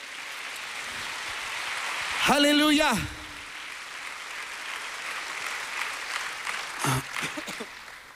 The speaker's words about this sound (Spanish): Que alguien aplauda al Señor y ayúdeme.